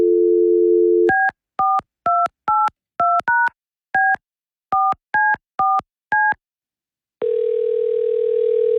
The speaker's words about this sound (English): All right, we got the name. Let's see if they answer their phone.